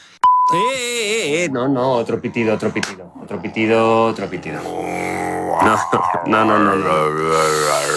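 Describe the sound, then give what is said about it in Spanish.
A person vocally imitates a short, steady censor beep once near the start, brief and clear, followed by people talking and vocalizing with wavering, drawn-out tones. “Pitido y pixelamos.”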